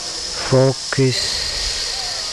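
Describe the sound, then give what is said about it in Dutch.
Two short sung or hummed voice notes give way to a steady, even hiss that carries on alone to the end, soft and constant. “Zing even mee tot enkel gesis te horen is.”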